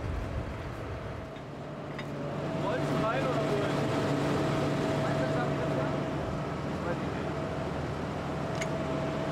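The engine of a tractor that is stuck drones steadily, its low hum holding a steady pitch. It swells a little louder after a couple of seconds and then labours on without a break.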